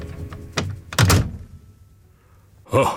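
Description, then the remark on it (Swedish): A police station door is slammed shut by a constable in snowy weather with a loud, heavy thud, preceded by a lighter bump and followed a moment later by another solid thump, with no voices present. “Sen slog han igen dörren och pustade ut.”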